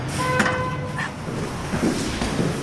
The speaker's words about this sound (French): Et nous voici devant celui de Saint-Just. Voilà, poussez sur la porte parce que